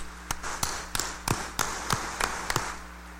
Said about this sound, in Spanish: fuerte aplauso de felicitación.